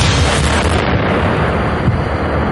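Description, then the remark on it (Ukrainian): A Shahed drone blast on a reinforced concrete shelter during a direct-hit test at a proving ground, with only minimal penetration into the concrete: a loud, sustained roar of rumbling, crackling noise with heavy low-end that holds steady for a couple of seconds, with no voices. “Вибух шахеда дав мінімальне проникнення в товщу бетона, і всередині не було жодних уламків.”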